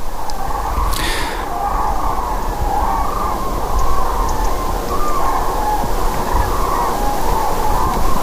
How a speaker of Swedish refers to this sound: Och som utlovat så ska det bli tranor på agendan här. Joakim Runt kanske inte behöver ens imitera tranljudet för att vi har ett höstigt tranljud här i bakgrunden.